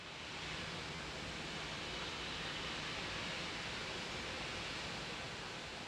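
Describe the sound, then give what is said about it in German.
A steady, dense roar of rushing water pours over the Stechowice dam on the Vltava (Moldau) River, broad and continuous with no pauses, loud, like a waterfall filling the whole scene. “Neun mächtige Talsperren, unzählige kleine Wehre, die Moldau ist ein Fluss, der gezähmt wurde. Einer dieser Orte, der Staudamm Stechowice.”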